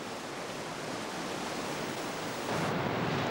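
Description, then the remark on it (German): Sea waves wash in a continuous, hissing roar that swells slightly louder toward the end, with no distinct individual breakers and no voices. “Unermesslich groß sind die Wassermengen im Meer.”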